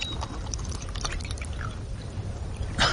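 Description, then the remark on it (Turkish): Water is poured to give someone a sip to drink, a steady low splashing trickle lasting a few seconds, ending with a brief brighter splash; no one speaks. “Bir yudum su içireyim sana.”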